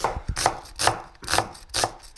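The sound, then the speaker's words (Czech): A small kitchen cleaver, like a little kitchen hatchet, chops onions on a board in a steady rhythm, four or five crisp strikes about half a second apart, with no voices; the onions are for bread with lard and onion. “Jarda krájí cibule, kdybyste viděli. To není nůž, to je sekáček, to je malá sekerka kuchyňská.”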